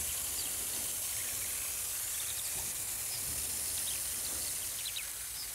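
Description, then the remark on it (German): A steady hiss of water spraying from a fully automatic irrigation system watering crops in a garden bed, continuous and unbroken, with faint bird chirps in the background. “Ja, also Gießen läuft.”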